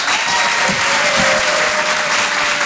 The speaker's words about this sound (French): Rire et chansons. Faites du bruit pour Édouard Deloignon.